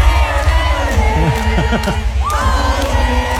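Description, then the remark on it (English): A large concert crowd cheers loudly and continuously, with overlapping shouts and whoops rising above a dense, steady roar of many voices. “This is just a little sample of the atmosphere.”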